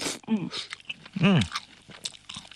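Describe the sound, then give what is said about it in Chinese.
Chewing of crispy canned small yellow croaker, whole fried fish with head and guts removed and crunchy bones, with short crunchy bites and wet mouth sounds, broken by a couple of brief voiced murmurs from the eater. “其实你嚼到嘴里面的话，你都可以感觉我们的鱼骨头的话都是酥酥脆的。”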